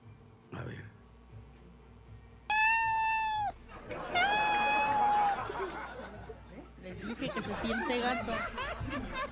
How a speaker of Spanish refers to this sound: No soy una gata, pero sí puedo hacer sonidos de gato como acabas de escuchar. Soy Alexa, tu asistente digital.